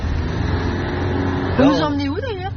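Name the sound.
car driving off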